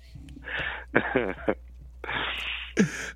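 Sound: cough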